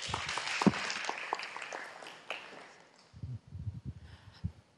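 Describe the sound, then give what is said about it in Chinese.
An audience bursts into steady applause to welcome the general manager of Weixin Television to give a speech, a dense wash of many hands clapping that gradually thins out, with a few heavier low thumps and scattered claps trailing off at the end. “好，大家掌声鼓励。”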